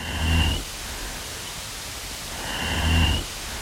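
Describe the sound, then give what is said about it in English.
Two low, breathy chuffing bursts with faint clicks, each lasting about half a second and separated by a pause, recorded underwater by a snapping turtle over a steady hiss of background noise. “Another vocalization we detected was a sort of combined chuffing and clicking.”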